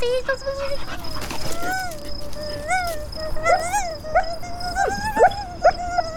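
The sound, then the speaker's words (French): A dog whimpers and whines in rising, wavering cries, broken by a few short yips and sharp barks, over a steady background hum. “Oui, c'est un chien.”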